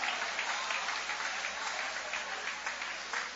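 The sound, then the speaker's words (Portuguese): An audience applauds steadily during a church sermon, a dense, continuous wash of many hands clapping at an even level with no voices standing out. “Vai aplaudindo, Deus está te libertando hoje.”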